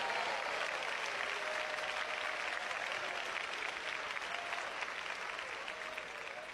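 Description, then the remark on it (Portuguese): An audience applauding together for Jesus after a prayer, a dense, steady wash of many hands clapping that stays loud and sustained throughout, with a faint murmur of voices underneath. “Podem dar glória a Deus, podem bater palmas para Jesus.”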